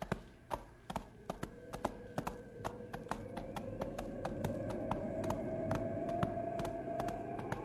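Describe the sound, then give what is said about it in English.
Horse hooves clip-clop in a steady, brisk rhythm along a trail in falling snow, sharp taps repeating over a low rumbling background with a rising whine, as the rider pushes the horse a little faster. “Wish my horse thought so. We better push a little faster. Up, boy.”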